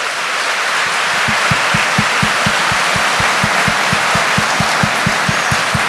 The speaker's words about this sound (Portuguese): Quem está tomando posse disso, já vai aplaudindo. Já vai aplaudindo.